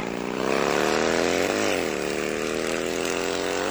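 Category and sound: vehicle, motorcycle riding past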